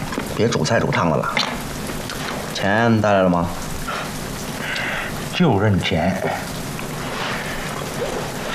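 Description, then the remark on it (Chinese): Steady rain falls throughout as a constant, even hiss, with voices speaking over it in a few short bursts. “这什么鬼天气？下起来没完了。下雨好啊”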